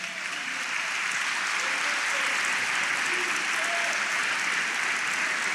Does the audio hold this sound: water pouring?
no